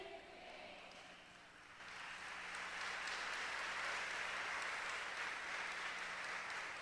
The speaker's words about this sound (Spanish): Ya me estaba preocupando que se estuvieran durmiendo, claro. Gracias por esos aplausos que despertaron a las 3 de este lado y a 4 de acá.